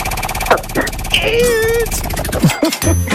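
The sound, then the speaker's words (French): A French game show prize wheel, spun by the host to pick the theme of the contestant's game, spins with a steady run of rapid ratcheting clicks, heard under voices and a brief musical sting. “Allez, je lance la roue.”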